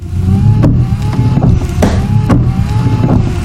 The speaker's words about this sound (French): Une machine à imprimer de feuilles. Une imprimante, ça ?